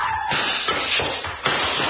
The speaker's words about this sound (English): Back up as far as the chair and... That was beautiful. You knocked him down with the chair.